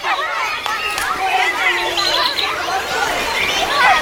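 Outdoor park ambience of many people chatting at once, a steady murmur of overlapping voices with no single speaker standing out, holding a fairly constant moderate level throughout.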